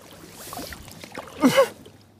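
A boat pushes through shallow, muddy water with soft sloshing and gurgling, swelling into one louder splashing surge partway through before settling back to a quiet wash.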